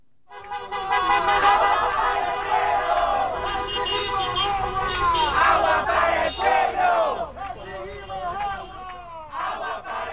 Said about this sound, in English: Listen to all of the cars honking in support of a protest that I went to last night where people were shouting, "Water for the people."